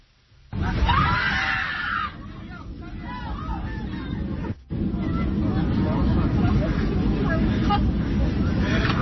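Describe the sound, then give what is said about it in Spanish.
Panicked airplane passengers scream and shout over one another above a loud, steady roar, with high wailing cries early on and a brief break in the din midway, after an explosion and fire from the aircraft's right engine shortly after takeoff. “Los testimonios de los pasajeros señalan que hubo una explosión y así se vivieron los momentos.”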